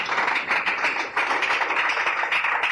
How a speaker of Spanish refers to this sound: Un aplauso al Señor, hermanos. Dele gracias al Señor.